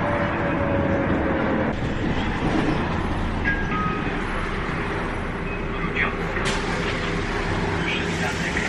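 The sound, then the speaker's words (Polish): Steady interior rumble of an express city bus driving between stops, having just passed the Centrum Handlowe Korona stop without stopping, with a constant low engine drone and road noise, and faint indistinct voices in the background. “Gdyby to nie był autobus pośpieszny, to jeszcze mielibyśmy przystanek Bryknera.”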